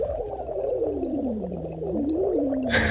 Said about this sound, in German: hier mein absoluter Tipp, weil ich das als Sprecher und Sänger auch immer mache: Silikonschlauch schnappen, denen eine Flasche geben, da etwas Wasser reintun und dann wird losgeblubbert.